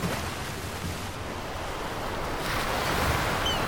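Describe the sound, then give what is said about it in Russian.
Steady sea surf washes and splashes, a broad rushing noise that swells slightly louder toward the end, with a faint wind-like hiss and no voices. “и бросили его в море.”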